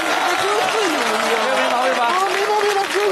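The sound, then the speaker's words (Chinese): A crowd applauds steadily, a dense wash of clapping that holds at full strength for about three seconds, with a few voices calling out faintly above it. “别鼓掌，来吧。”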